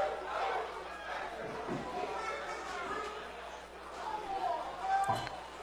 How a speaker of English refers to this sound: That's going to be a pass interference call. The crowd's not happy because they're thinking it was nowhere near, but It was not anywhere near him.